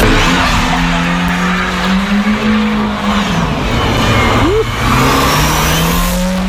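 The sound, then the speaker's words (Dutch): A car engine roars loudly and continuously, its pitch rising and falling as it revs, with tires screeching and skidding throughout, intense with no talking. “Ja, dit weer een auto die behoorlijk het oploekt.”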